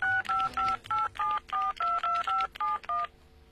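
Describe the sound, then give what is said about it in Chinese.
A telephone number being dialed in Shanghai to call a contact: about eleven short touch-tone beeps in quick, steady succession, each a clear electronic two-note chirp, moderately loud, with no voices. “他很不高兴，打电话给联系人。”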